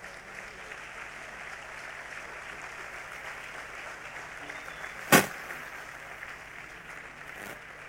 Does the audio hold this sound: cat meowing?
no